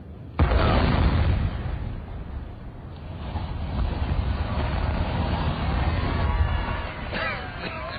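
A sudden loud blast from an explosive demolition of a factory chimney, followed by a long, heavy rumbling roar as the chimney comes down, sustained for several seconds.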